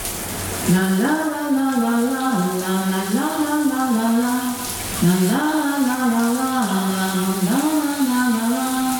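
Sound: shower tap running water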